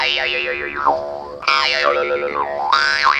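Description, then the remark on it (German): A twangy jaw harp (Maultrommel) mimics a grasshopper, its buzzing drone wobbling with quick chirpy overtone sweeps that rise and fall in three bursts. The player's mouth cavity and breathing change the overtones while the fundamental tone stays. Fairly loud, with no voices. “Also Maultrommel, mach mir doch mal bitte den Grashüpfer.”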